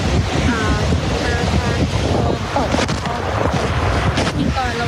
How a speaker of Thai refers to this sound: ฝนเริ่มหนักขึ้นตอนนี้นี่ครับผม